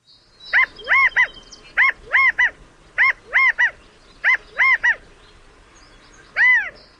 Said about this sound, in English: California quail are stocky, plump-looking birds found throughout their namesake state, as well as in parts of the Pacific Northwest and Northern Rockies, where they've been introduced.